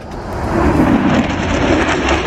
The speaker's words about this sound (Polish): Supernowoczesne myśliwce F-35 przelecą także nad centrum Łodzi. Jutro najnowsze F-y przelecą nad całym krajem.